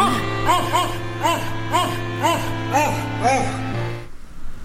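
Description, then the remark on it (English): A very well-known Christmas song played with pitched dog barks, about a dozen in a steady rhythmic melody over a sustained musical backing, loud, ending abruptly near the end. “I've got a clip from … now”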